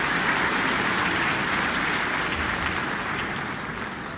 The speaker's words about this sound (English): Jim Anu invites the orchestra to stand, the whole orchestra on its feet, the audience full of applause for this very beautiful program featuring titans of early 20th century music.